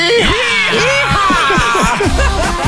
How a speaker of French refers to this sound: Ok, est-ce que je peux demander à tout le monde de crier?